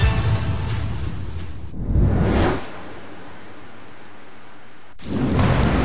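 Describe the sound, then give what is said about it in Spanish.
Steady rain hiss with deep rumbling thunder swelling in and out, a quieter lull in the middle before the downpour and rumble return strongly; no voices. “Con la lluvia, una alcantarilla abierta ya no se ve. En esta temporada de lluvias, evitemos accidentes.”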